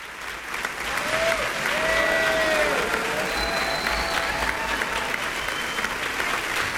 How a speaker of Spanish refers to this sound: Es seria ya la ovación del público reunido el día de hoy para la Orquesta Sinfónica de Xalapa y el maestro Iván López Reynoso.